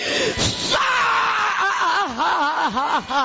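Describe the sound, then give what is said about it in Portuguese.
A person screams loudly and continuously, the voice wavering and swooping up and down in pitch like an anguished wail, with a rough, strained burst at the start. “Pode gritar, do queima, grita, queima, fala, meu Deus.”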